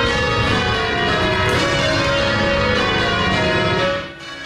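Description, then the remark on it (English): A loud, continuous peal of several church bells ringing at once at Christ Church in downtown Victoria, celebrating 90 years of ringing, their overlapping metallic tones sustaining throughout and easing off slightly at the very end. No voices are heard. “Bells will toll in downtown Victoria this week as an iconic church celebrates 90 years of ringing.”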